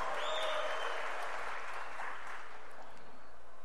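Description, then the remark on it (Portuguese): A large crowd breaks into sustained applause, a dense wash of clapping that stays steady and full for several seconds, as player Danilo of Botafogo is announced. “O segundo mais aplaudido é o Danilo, do Botafogo.”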